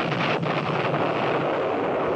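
A distant explosion rolls along as a steady, broad rumbling roar that echoes without a sharp crack, filling the whole moment with no voices present. It is the first explosion, heard at noon far along the valley leading north from a mountain pass.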